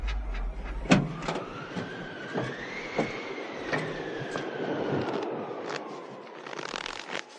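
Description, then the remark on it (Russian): A car engine strains and whines as it labors through deep snow, its pitch climbing then sagging over a steady rumble, with scattered knocks and crunches and no voices. “Дорога совсем утонула в снегу. Машина едва тащится.”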